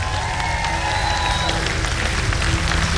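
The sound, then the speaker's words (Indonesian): Loud, sustained applause from a large crowd for the panel of judges at a competition, dense clapping filling the whole stretch without a break, with a faint murmur of voices and a few cheers mixed in. “Jadi sekali lagi berikan tepukan gemuruh untuk barisan juri kita.”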